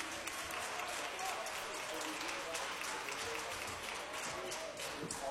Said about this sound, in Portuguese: Vamos aplaudir ao Senhor em gratidão pela vida dos nossos irmãos? Isso.